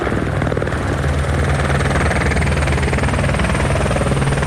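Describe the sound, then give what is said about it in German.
A firefighting helicopter thunders overhead as it flies in to drop water on a fire, its rotor and engine producing a loud, steady droning roar with a low pulsing hum that holds for the whole stretch, with no voices. “Der Heli fliegt an und wirft gezielt das Wasser ab.”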